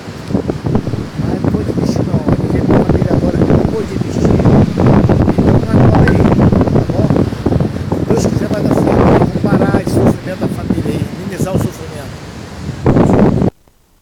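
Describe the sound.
Strong wind at Praia do Pontal buffets the microphone almost nonstop, a loud, rumbling roar with gusty surges, while muffled voices come through underneath before the noise cuts off abruptly at the end.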